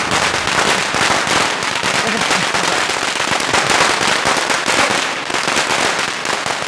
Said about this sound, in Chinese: 放鞭炮庆祝一下，这不是老爷多年的规矩吗？